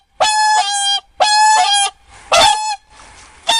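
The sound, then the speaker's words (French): White swans calling with loud, nasal, trumpeting honks: two long blasts, then a shorter call and a fainter one, with no voices. “C'étaient des cygnes. Le son de leur voix était tout particulier.”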